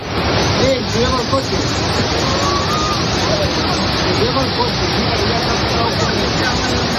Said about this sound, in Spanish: Es sonido de la localidad de Manzanedo de Valdueza, cerca de Ponferrada, donde las fuertes corrientes de agua que han asolado las calles del pueblo arrastraban incluso vehículos.